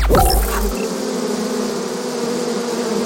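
A dense, steady drone of a huge swarm of thousands of bees, layered humming tones holding for several seconds after a brief rustling onset, loud with no voices.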